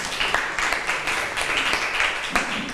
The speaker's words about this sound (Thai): เก่งมากเลยปรบมือให้เพื่อนค่ะ